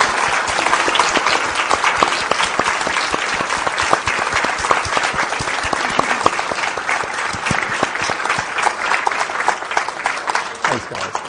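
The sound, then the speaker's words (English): An audience applauds steadily, a dense rush of many hands clapping at a fast, even rate that holds loud throughout before thinning slightly at the end. “You might like to just stand up so that everyone knows who they're clapping.”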